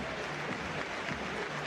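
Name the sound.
stadium applause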